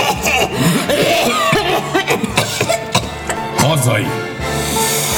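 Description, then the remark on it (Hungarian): Several women cough in short, repeated bursts during a toast as everyone clinks glasses and drinks, some coughs overlapping, amid a busy background of voices and clatter. The coughs are fairly loud, scattered irregularly across the moment. “Mindenki kocint, isznak, a nővérek köhögnek.”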